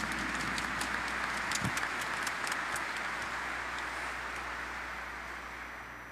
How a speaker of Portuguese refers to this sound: A nossa salva de palmas, a palavra de Jesus.